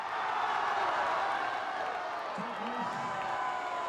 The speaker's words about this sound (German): Applaus 7:1. Mit jedem Tor steigt am Hillmannplatz die WM-Stimmung.